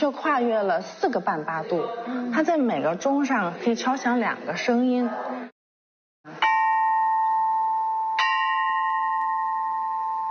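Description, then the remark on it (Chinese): After a stretch of talking and a short pause, bronze chime bells of a Chinese bianzhong set (the 26-bell Wangsun Gao set from the Chu state, over 2000 years old) are struck twice, each strike ringing out with a clear, sustained metallic tone that slowly fades, the second adding a brighter pitch; each bell gives two pitches about a minor third apart. “它却跨越了4个半八度，它在每个钟上可以敲响2个声音， 好像是小三度的感觉。”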